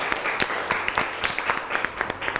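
crowd, classroom applause

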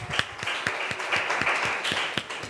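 crowd, classroom applause

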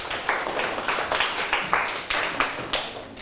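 crowd, students clapping

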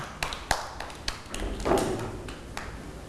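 crowd, children clapping

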